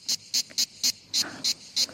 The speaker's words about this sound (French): Et ça, c'est la cigale. Ouais, ça sent l'été.